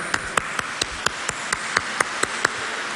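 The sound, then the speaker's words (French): A crowd applauds the word of God, clapping in steady unison, about eleven sharp, evenly spaced claps over roughly three seconds, against a continuous hiss of background noise with no talking. “C'est magnifique la parole de Dieu, on l'applaudit encore.”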